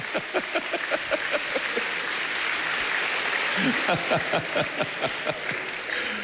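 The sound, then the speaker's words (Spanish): A church audience claps hands to the Lord during a sermon in a steady, rhythmic beat, a dense wash of many hands with sharper individual claps standing out, while a few voices murmur and call out underneath. “Dele palmas al Señor, hermano.”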